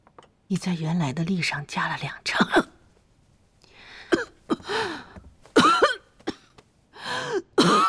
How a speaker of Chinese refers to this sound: 母亲，你这咳嗽听着怎么像是加重了？ 无妨，无妨。